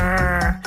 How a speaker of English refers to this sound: And eavesdropping on rockfish to tell one type from another. It sounds like this croaking, grunting.